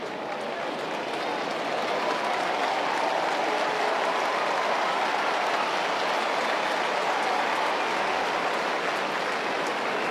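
A stadium crowd applauds a 20-year-old as he makes his way off the ground, in a steady, dense wash of clapping that holds at an even, fairly loud level for about ten seconds without fading.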